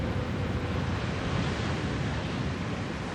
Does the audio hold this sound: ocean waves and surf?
yes